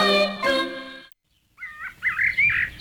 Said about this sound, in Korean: 숲속에 숨어 사는 가수 울새의 노래입니다. 작은 몸집이지만 수천 킬로미터를 이동하는 힘을 지닌 철새입니다. 5월의 숲, 울새는 모습을 좀처럼 보이지 않지만 맑고 길게 이어지는 노래로 자신의 존재를 분명하게 드러내지요.